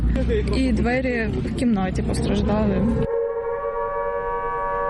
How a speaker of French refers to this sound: Plus tard dans la matinée, les sirènes retentissent à nouveau à travers Kiev. Rappel pour les habitants que la menace de nouvelles frappes russes est désormais constante.